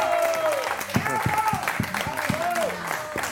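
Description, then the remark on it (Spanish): A television programme's studio audience claps, sharp hand-claps spread across a steady wash of applause, with voices calling out and cheering over it. “¡Un aplauso”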